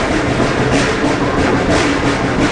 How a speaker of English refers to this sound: There are two switchbacks, the train passing a switch and then backing up into the next section.